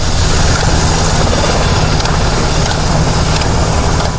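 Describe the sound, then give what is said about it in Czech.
A military helicopter engine, used in a special forces command exercise, roars loudly and steadily, a dense droning rumble with a low hum underneath that holds constant throughout, with no voices. “Dio opreme koja se mogla vidjeti izložena korištena je u vježbi zapovjedništva specijalnih snaga, uporaba dronova, amfibijskih vozila, brze brodice, helikopteri.”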